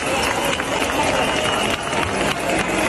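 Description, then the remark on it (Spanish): A crowd jingles keys all at once, a dense, continuous metallic shimmer of rattling with no clear individual strokes, mixed with a murmur of voices and steady loud noise throughout. “Sonido de llaves.”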